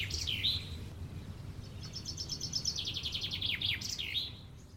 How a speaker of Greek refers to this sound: Όταν βγαίνω έξω το πρωί και ακούω τα πουλιά.